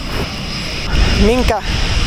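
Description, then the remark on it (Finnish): A fighter jet's engine roars steadily and loudly in the open at an airfield in Rovaniemi, Finland, as fighter jets take off and land during a flight exercise, a broad rushing noise filling the whole clip, with a brief voice-like tonal sound surfacing near the middle. “Miten pahoja pörinöitä ja melua tulee, kun erilaiset hävittäjät nousevat ja laskeutuvat.”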